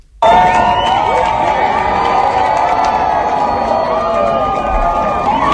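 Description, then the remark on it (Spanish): Hundreds of people watching the total eclipse from the stone bridge in Zaragoza during a heat wave erupt in sustained excited shouting and cheering, many voices overlapping loudly and continuously, with whoops rising above the dense roar of the outdoor gathering. “Estos eran los gritos de emoción de las cientos de personas que observaron el eclipse total desde el puente de piedra de Zaragoza.”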